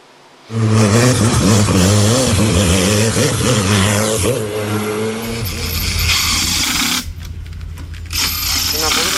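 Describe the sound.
A loud, sustained roar of high-revving racing engines at a hill climb speed competition on the Transalpina road at Rânca, Gorj, Romania, the pitch rising and wavering as it climbs, continuous, briefly dipping before surging again, with a voice speaking over it.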